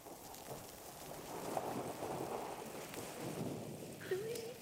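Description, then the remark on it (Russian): Light rain falling outdoors, a soft, steady patter filling the background at low volume, with a brief faint vocal sound near the end. “Папа, ну и пусть дождик, правда?”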